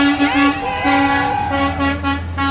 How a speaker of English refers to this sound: For the last week, dozens of people here have been gathering every evening on the west edge of town when a long line of fire trucks roll out of the Abajo Mountains.